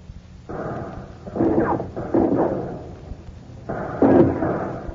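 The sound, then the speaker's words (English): Hand grenade explosions go off in a rough series of four heavy, rumbling blasts, each swelling then fading into a lingering low roar, fairly loud with no voices; the grenades are dropped by Alcatraz guards and United States Marine Corps veterans through holes in the cell house roof over cell block D. “Through the roof, Alcatraz guards and Pacific veterans of the United States Marine Corps drop hand grenades.”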